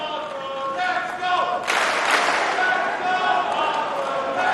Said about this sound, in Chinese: 现场在喊着费里的名字，观众呢在给他加油鼓劲儿。